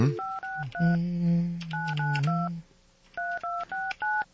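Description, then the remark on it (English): Touch-tone telephone dialing while placing a live call to a contest entrant: a quick series of about ten clear keypad beeps in short bursts with brief pauses between groups, loud, over a steady low hum, with no talking. “Do we want to call another person live?”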